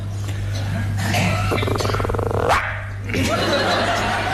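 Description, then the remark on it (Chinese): A man's voice mimics a small dog, letting out a few yappy barks and a growly, yelping run, over a steady low hum, imitating a dog guarding its food. “不是你这小狗叫唤干嘛呀？”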